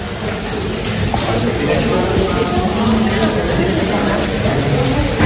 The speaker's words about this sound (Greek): Ο άνθρωπος με το κουστούμι, με ανοιχτή ομπρέλα και μέσα βρέχει. Σε όλο το αεροδρόμιο. Κι όμως είναι το αεροδρόμιο, παιδιά, της Χίου. Κι όμως είναι το αεροδρόμιο. Παντού βρέχει μέσα. Μέσα στην αίθουσα.